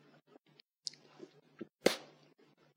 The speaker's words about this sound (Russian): Он серу жует. Откусить серы тебя. Откуси.